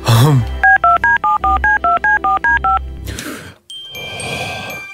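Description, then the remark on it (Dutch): The phone number of a local top artist is punched in on the radio show Goedemorgen Morgen: a quick, even run of about eleven touch-tone beeps, followed by a burst of line noise and a steady hiss as the call connects. “En die topartieste van bij ons, daarvan hebben we het telefoonnummer natuurlijk.”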